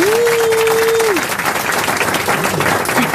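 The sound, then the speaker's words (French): An audience applauds with dense, steady clapping, while a single sustained whistle rises, holds its pitch for about a second, then drops away; the loud applause continues to the end. The audience is greeting the arrival of Christophe Beaugrand. “J'ai cru que le public sifflait Hector Obalk parce qu'il connaissait pas Ribéry.”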